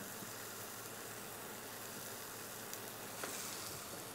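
A steady, dense sizzle of cheese frying in a hot pan, continuous, with a couple of faint clicks near the end and no talking.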